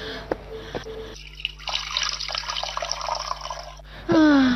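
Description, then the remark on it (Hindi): Water runs from a tap into a vessel as drinking water is fetched for a thirsty woman, a steady splashing, gurgling stream lasting a few seconds at moderate volume, followed by a short vocal sound as it stops. “ठहरो ठहरो माई, मैं अभी पानी लाता हूँ।”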